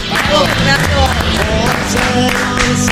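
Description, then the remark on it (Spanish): A large crowd applauds and cheers loudly and steadily throughout, a dense wash of clapping with voices shouting and whooping over it. “No puedo ser propios estos aplausos, esta ovación, sí.”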